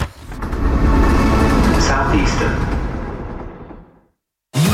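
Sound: train ride ambience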